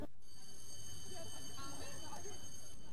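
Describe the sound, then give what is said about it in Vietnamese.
A hospital monitor alarm goes off by an unconscious, bandaged patient hooked up to tubes; a steady, thin, high-pitched electronic tone held throughout, fairly quiet, over a murmur of muffled voices and bustle as doctors and nurses rush in. “Rồi tiếng máy báo động. Bác sĩ, y tá ùa vào phòng.”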